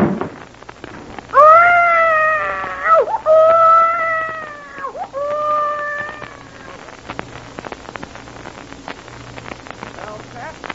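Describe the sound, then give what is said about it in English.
A baby wails in a few loud, drawn-out cries with a strained, high pitch that rises and falls, then the crying trails off into faint background noise. “One of the babies has a colic or something.”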